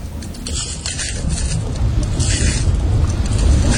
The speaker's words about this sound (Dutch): Waar lopen we overheen? We lopen over een oude lavastroom. Die is al hard geworden en als we er overheen lopen, dan breekt die af. En dat geeft een knisperend geluid, het afbreken van die lava. Het klinkt een beetje als het breken van glas.